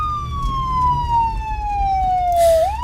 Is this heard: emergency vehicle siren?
yes